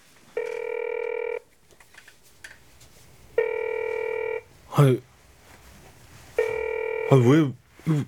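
A telephone ringback tone sounds three times, each steady electronic burst lasting about a second and spaced a few seconds apart, with brief vocal sounds in the gaps between rings, as a call is placed to a number that advertised for a Korean teacher; the call does not connect.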